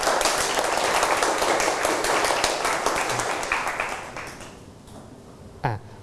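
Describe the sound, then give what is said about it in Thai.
A group of students in a class claps for a classmate together in a dense, fast, uneven burst that stays loud for about four seconds, then thins out and fades, followed by a brief vocal sound. “นักเรียนปรบมือเพื่อนหน่อยครับ”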